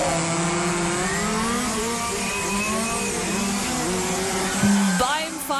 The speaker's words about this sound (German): AMC Hamm wird von Freitag bis Sonntag nämlich die offene deutsche Meisterschaft 2026 ausgetragen. Heißt, ganz viele funkferngesteuerte Modellfahrzeuge treten da auf der Rennstrecke gegeneinander an.